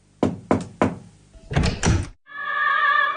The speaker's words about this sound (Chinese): 敲开门往屋里走的时候，王菊特意过来迎接。